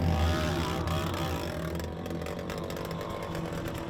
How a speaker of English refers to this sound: I'm just here above Dark Canyon and I can hear one of the bikes. Sounds really funny. Looks like somebody's maybe ripped an exhaust off or something like that.